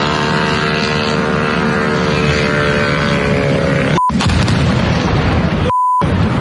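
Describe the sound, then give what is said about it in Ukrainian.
A loud, sustained roaring blast of explosion noise as Ukrainian drones strike an oil depot, with a droning, falling engine whine at first, broken near the end by two brief cut-outs with a short electronic beep. No speech. “Вночі стояти за бензином у нескінченній черзі і рахувати українські дрони, які нищать чергову нафтобазу.”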